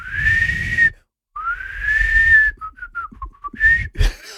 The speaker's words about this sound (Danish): Det lyder altså som om, det er sådan en fløjt, der ikke helt stemmer, når du gør det der værke. Nå. Men der kommer lyd ud.